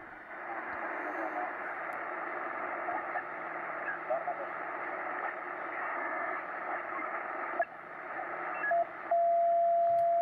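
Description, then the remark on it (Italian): A dense band of radio noise and jumbled, overlapping chatter, then a steady, fixed whistle tone cuts in near the end and holds at one pitch above the hiss. “Qua c'è un fischio fisso, quindi potrebbe essere una broadcast, vediamo.”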